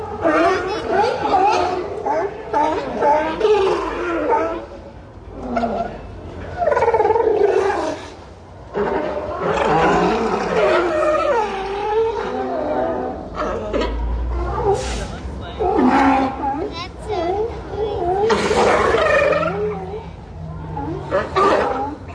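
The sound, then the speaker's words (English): A crowd of sea lions on the Oregon coast barks and roars almost nonstop, their rough, overlapping calls loud, rising and falling in uneven bursts with no pause for the whole stretch. “Whether it's an unusual animal you hear in a place far from home, like these sea lions that I recorded last year on the Oregon coast.”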